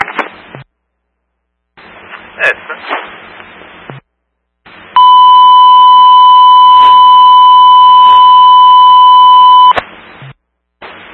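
A fire alarm set off from a pull station blares as one loud, steady electronic tone lasting about five seconds, preceded by short bursts of crackly, static-like noise with brief silences between them. No smoke or fire is present.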